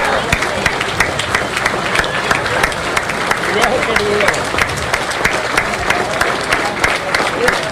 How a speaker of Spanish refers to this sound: también, compañeros, ese minuto de aplauso, porque sabemos que también en medio del dolor está ese ejemplo que nos ha dejado estos compañeros que han caído en esas diversas luchas por defender el territorio y por exigir los derechos.